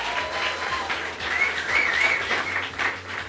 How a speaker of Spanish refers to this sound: Un aplauso, por favor.